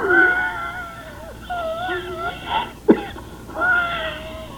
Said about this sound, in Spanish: Ay, Virgen de Matsubukawa, ya se le revolvió la tos, ¿eh? Ya se quedó, bella. Y moradito. Uy, hombre, pégale la espalda, hombre.